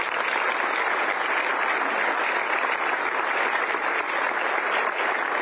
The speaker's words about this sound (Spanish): Así que para ella y todas las mujeres que han trabajado en esto, les pido sí un fuerte aplauso, por favor.